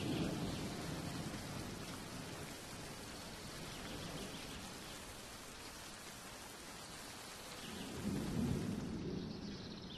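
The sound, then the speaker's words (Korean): Steady, dense rain hisses throughout a thunderstorm in a forest while low thunder rumbles underneath, swelling louder near the start and again toward the end. No voices, just the enveloping storm. “폭풍우가 숲의 왕자인 스페인 흰죽지 수리를 깨웁니다.”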